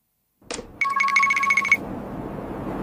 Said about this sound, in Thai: ฮะเบอร์แปลกโทรมาอีกแล้ว